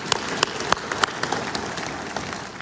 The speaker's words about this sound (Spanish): Gracias, hermano. Denle un aplauso. Denle, denle.